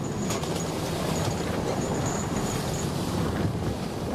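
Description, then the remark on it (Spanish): A steady, dense rumble of a steamship crossing the Atlantic after sailing from the port of Lisbon, with wind buffeting and the wash of water rolling continuously throughout; no voices, just the constant low roar. “En el puerto de Lisboa embarcamos en el buque Booth y cruzamos el Atlántico.”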